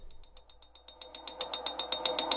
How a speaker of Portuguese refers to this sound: Estão ouvindo esse barulho aí? Sério, sou só eu que tô ouvindo? Você aí no carro, tá ouvindo essa bateção de pino?